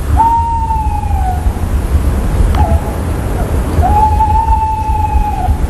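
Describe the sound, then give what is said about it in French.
A tawny owl gives two long, steady whistled notes, each slightly rising at the start and dipping at the end, separated by a short pause, heard over a constant low rumbling background. “Les oiseaux chantent pour attirer une femelle, ou en tout cas un partenaire, car les femelles aussi parfois chantent.”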